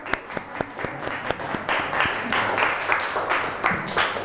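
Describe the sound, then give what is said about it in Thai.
A group of students in a class applauds group six, who made a lamp from seashells. Many overlapping hand claps form a steady, dense patter of sharp slaps that holds at an even, moderate loudness for several seconds. “กลุ่มหกนะครับประดิษฐ์เป็นโคมไฟจากเปลือกหอยครับ โคมไฟอันใหญ่ใช่ไหมคะเก่งมากค่ะกลุ่มหกปรบมือค่ะ”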